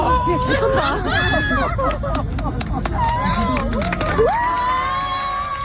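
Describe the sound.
A loud, dense crowd cheers and shouts continuously, with many voices overlapping and scattered sharp claps through the roar, applauding after a fan sang together with a famous singer in the UK.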